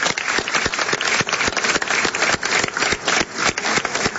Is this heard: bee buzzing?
no